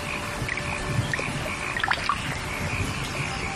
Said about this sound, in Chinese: 夏天，增城正果镇，听雨滴溅起早稻的清香。